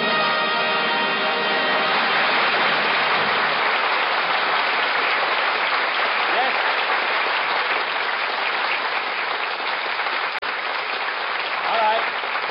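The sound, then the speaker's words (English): Steady, dense audience applause fills the whole stretch, many hands clapping at once in a continuous roar that holds its level without fading, with no voices standing out. “Take the applause sign down.”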